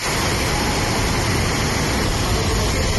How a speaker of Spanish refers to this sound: Es el agua discurriendo por las calles del municipio completamente anegadas. Se ven coches arrastrados y buena parte del pueblo ha quedado inundada.